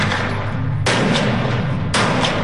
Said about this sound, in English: That's gunfire out at Bush shooting range in Defiance.